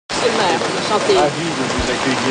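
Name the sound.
rain falling outdoors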